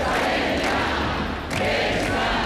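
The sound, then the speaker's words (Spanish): A large crowd of protesters, students and older people, claps and cheers continuously at shows of support for teachers and exam correctors, a dense, loud roar of applause with voices mixed in, sustained for the whole stretch and dipping only briefly midway. “Los manifestantes, tanto estudiantado como generaciones mucho más veteranas, han roto en aplausos ante las muestras de apoyo a ese profesorado y correctores que estos últimos días se han visto señalados.”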